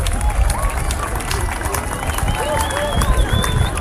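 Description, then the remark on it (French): A large outdoor crowd on a seaside terrace by the aquarium, on the slopes of the Talaye plateau, applauds the sun during an eclipse at 20:27, a steady, dense wash of applause mixed with scattered voices and chatter, with faint high cries of gulls rising now and then over the din. “On applaudit le soleil quand même, c'est magique.”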